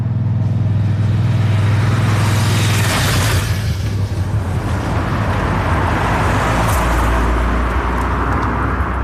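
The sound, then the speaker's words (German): Motorbikes and cars rush past on a narrow road directly in front of a restaurant at Schönmatt, shortly before five o'clock, engines droning loudly and steadily with a swell of passing noise midway, the traffic continuous throughout with no voices. “Töpfe und Autos sausen vorbei im Minutentakt.”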